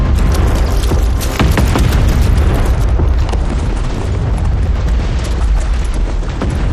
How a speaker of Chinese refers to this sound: 炮声是从北边打过来的，难道敌人绕到我们后边去了？